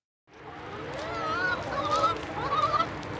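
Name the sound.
chickens on a farm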